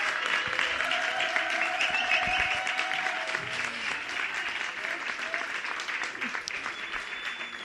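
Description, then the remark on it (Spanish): Steady audience applause for a panel of speakers fills the whole stretch, a dense wash of many hands clapping at an even, sustained level, with faint voices and a few brief tones mixed underneath. “Redoblamos el aplauso por este panelazo espectacular.”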